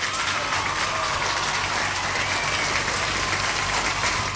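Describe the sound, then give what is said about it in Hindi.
Steady, dense applause from a crowd fills the whole stretch, many hands clapping at an even level with no voices rising above it. “और जवाब जो भेजा है मुझे बिल्कुल सही भेजा है, तो तालियां बजेंगी यहाँ पे।”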